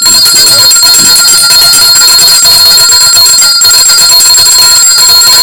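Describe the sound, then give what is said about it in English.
A hand bell rings loudly and continuously, shaken rapidly for several seconds to thank the people who came to a community games night, producing a bright, shimmering metallic clangor with no voices. “And I want to ring the bell to all the beautiful people.”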